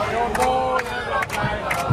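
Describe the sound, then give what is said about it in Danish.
AGF football fans on a bus travelling to see Brøndby, cheering and chanting together, a loud, dense wall of many voices with rhythmic shouts rising through the din and no pause in the noise. “Vil du ikke høre lyden af en bus, hvor folk hygger sig gevaldigt?”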